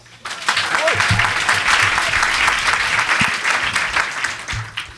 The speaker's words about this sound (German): Der Ältere beginnt, er baut sich auf, hier ist Goethe für euch. Applaus, Applaus.